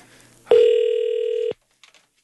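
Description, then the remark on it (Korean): A single steady ringback tone from an outgoing call to a landline, placed by the Far East Broadcasting radio station, plays for about a second, a loud flat electronic hum with faint overtones, then cuts off, followed by a few soft clicks. “자, 2010번님 다시 전화 걸고 있어요.”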